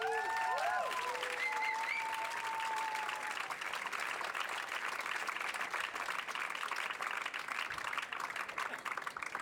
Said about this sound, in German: Deswegen großen Applaus für Ö1, bitte.